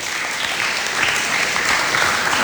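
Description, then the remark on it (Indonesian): Steady audience applause, a dense wash of many hands clapping at once that holds at an even, fairly loud level throughout, with no voices standing out. “Oke, itu dia teman-teman. Tepuk tangan dong.”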